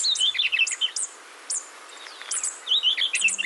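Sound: superb fairy wren calls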